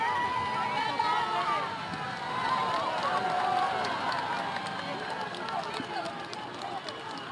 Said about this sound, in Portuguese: Estavam aqui muitas pessoas, algumas dispersaram quando o Papa chegou, mas continuam aqui largas centenas. Quando o Leão XIV chegou, mesmo não sendo muito visível, porque ele vinha num carro fechado, foi recebido com gritos e aplausos.